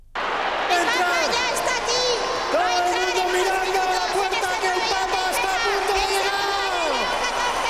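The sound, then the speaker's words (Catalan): A crowd of about 8,000 people roars continuously as Pope Leo XIV enters in an open popemobile at the IFEMA fairgrounds in Madrid, a dense wash of shouting, whoops and high cheering voices over steady applause, loud and sustained throughout. “I 8.000 persones cridant i aplaudint quan Lleó XIV ha entrat en un papamòbil descobert, sonaven així al recinte firal madrileny,”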